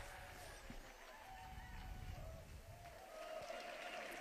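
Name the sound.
crowd applauding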